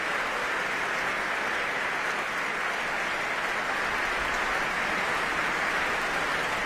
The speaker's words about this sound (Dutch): De laatste mensen komen nog even snel op hun stoel zitten. En daar klinkt het applaus voor Dima Slobodenjuk.